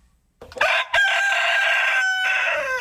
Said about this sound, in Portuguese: vamos ver como é que tá o galo. Mas tá mais animado que sempre, né, galo? Passou bem a semana pelo jeito, né?